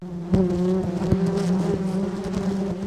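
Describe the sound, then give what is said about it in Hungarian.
A steady, dense drone of many honeybees buzzing around a hive, continuous, with occasional louder passes of individual bees flying by, recorded for a World Bee Day report. No one speaks. “Egyetlen kaptárban akár 50-60 ezer méh is élhet egyszerre.”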